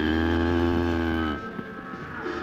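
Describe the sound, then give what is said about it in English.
A cow lets out one loud, deep, drawn-out moo that holds steady for over a second, then cuts off, leaving quieter rustling background noise. “jumped the fence to prove that he wasn't afraid of Red, a mean cow.”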